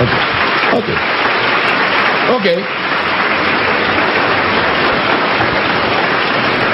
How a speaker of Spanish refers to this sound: Le puedo dar un aplauso al Señor si todavía me está dando a entender.